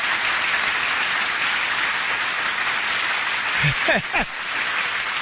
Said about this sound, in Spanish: ¡Uf! ¡Una hora de aplausos!